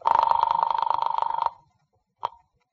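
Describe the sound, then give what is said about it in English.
A telephone bell rings loudly with a rapid rattling trill for about a second and a half, then after a short pause a brief second ring begins and cuts off. It is the ringing after dialing the office of the Kahn Detective Agency. “Then I picked up the phone and dialed the office.”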